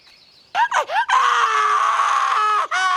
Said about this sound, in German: Das Schreien von Tures Sohn dringt durch das ganze Dorf. Mittlerweile ist es Nacht geworden, doch an Schlaf ist nicht zu denken.